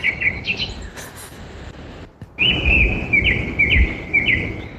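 Birds chirp and sing outdoors, a steady series of bright, high warbling calls repeating over a rumbling background, with a brief quiet break partway through before the song resumes louder.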